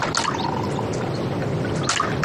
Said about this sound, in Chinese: 弟，来坐，姐给你倒水啊。